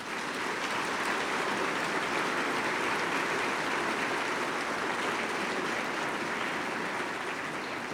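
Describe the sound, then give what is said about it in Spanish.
An audience at a celebration in honor of San José María Robles breaks into sustained applause for Father Francisco Méndez, the vicar general, dense and steady clapping at an even level for several seconds with no voices standing out. “Queremos también agradecer al señor obispo que tuvo a bien enviarnos como delegado al padre Francisco Méndez, nuestro vicario general, por el cual les pido un fuerte aplauso.”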